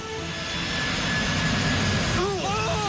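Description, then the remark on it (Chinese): Loud, steady roar of a jet airliner's engines with a thin high turbine whine, sustained and powerful as Flight 375 accelerates over 700 metres along the ground to over 200 km/h, running off the end of Runway 9 on takeoff; a brief voice surfaces near the end. “与此同时，375航班在地面滑行了700多米，速度逐渐加快，最终达到了每小时200多千米，顺利地冲出了9号跑道的尽头。”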